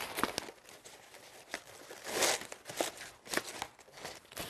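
Crisp crinkling and rustling of paper as a brown paper-material ribbon is tied around the wrapping of a round bouquet to finish it, with irregular soft snaps and swishes and no talking.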